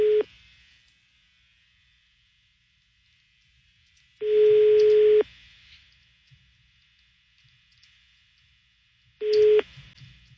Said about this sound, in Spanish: Bueno, está sonando el teléfono.